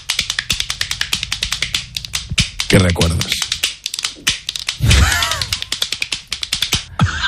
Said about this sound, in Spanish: Esto es un aplaudidor de manos de esos como los que tienen los niños que van tiqui tiqui tiqui tiqui tiqui tiqui tiqui